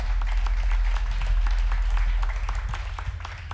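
Enthusiastic audience applause fills the room, a dense wash of many hands clapping steadily for several seconds, loud and close, with no speech over it.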